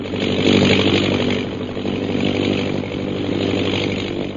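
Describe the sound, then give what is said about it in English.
A loud, steady airplane engine drones without pause as the plane circles over the hills, its buzzing hum swelling slightly in the first second and then holding even throughout, with no voices. “We join them now as their plane circles over the hills.”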